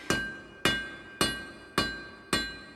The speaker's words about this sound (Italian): Li osservavo da lontano tra il rumore degli scalpelli e dei martelli